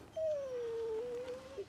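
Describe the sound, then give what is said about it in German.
A dog whimpers in one long, thin, drawn-out whine that slowly dips in pitch, then ends with a brief higher catch, with no talking over it. “Kannst du nicht später mit dem Hund kuscheln?”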